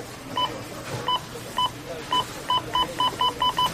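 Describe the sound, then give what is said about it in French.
Checkout scanner beeps at the cash register of a Rona store during Rona week ring out over a low background hum, a dozen short electronic chirps coming faster and closer together toward the end, like items being scanned in quick succession. “Tu sais que c'est la semaine Rona quand t'entends ça à la caisse.”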